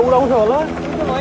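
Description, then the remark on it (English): A helicopter's rotor chops steadily and loudly throughout, a low rhythmic thumping, while a person's voice rises and falls over the top. It is one of more than a dozen helicopters deployed for rescue operations after a disaster with torrents of mud in a remote region. “More than a dozen helicopters have been deployed.”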